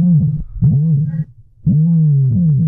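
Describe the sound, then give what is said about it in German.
An ostrich, the world's largest bird, at the Arte Strutz ostrich farm near Campos on Mallorca, gives deep, resonant booming calls: three loud, low-pitched, drawn-out hums, each swelling and fading, with a short pause before the last and longest one. “Das, liebe Inselradiohörer, ist der größte Vogel der Welt, der Strauß.”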